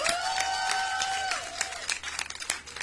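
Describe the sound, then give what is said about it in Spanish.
Applause from a group, a dense, steady patter of hand claps that thins slightly toward the end, with a sustained whistle-like tone over the first second and a half. “Un aplauso bien hermanado para el chino de Qué Locura.”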